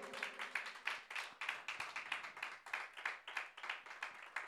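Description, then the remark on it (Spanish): A church audience claps for the Lord during a Spanish-language sermon, a steady, rhythmic beat of many palms striking together in quick repeated bursts with no voices over it. “Aleluya, palmas al Señor, gloria a Dios.”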